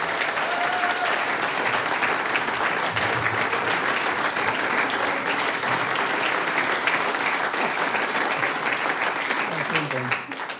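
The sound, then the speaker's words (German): Sustained audience applause for a performing group, a dense wash of clapping from a large crowd that stays steady and loud throughout, with a voice faintly audible near the end. “Der nächste Applaus geht an ….”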